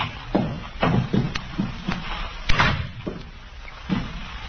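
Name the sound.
door being pushed open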